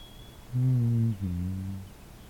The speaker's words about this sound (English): I don't know the name of this bird, but I am familiar with it. You also hear it at the cottage.